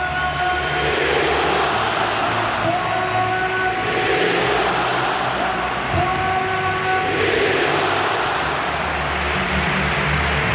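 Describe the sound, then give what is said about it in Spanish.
Sustained stadium crowd applause at the Estadio Metropolitano as footballer Antoine Griezmann comes out onto the pitch, a dense loud wash of clapping and cheering with steady tonal horn-like notes held above it throughout, with no voices standing out. “Los aplausos.”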